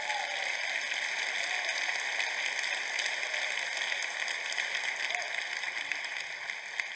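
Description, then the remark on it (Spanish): A crowd applauds steadily for several seconds, a dense, even crackle of many hands clapping at a constant moderate loudness with no voices rising above it. “Un aplauso”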